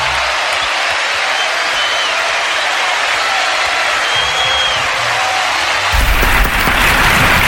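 A crowd applauds steadily, a dense wash of clapping that holds at an even loudness throughout, swelling slightly toward the end, with no voices rising above it.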